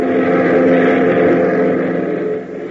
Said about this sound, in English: 15 minutes later, the boys are airborne in their beach craft, heading for the Greendale Airport, 100 miles to the east.